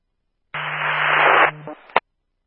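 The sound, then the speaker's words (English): A burst of harsh radio static hiss, about a second long with a low hum beneath it, fading into a crackle and ending in a sharp squelch click. No voices. “I'm just copying static.”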